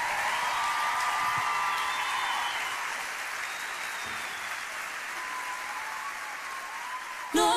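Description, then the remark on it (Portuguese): Sustained audience applause, a dense steady clatter of many hands clapping at an even volume, tapering slightly before a brief louder burst at the very end. “A grande salva de palmas,”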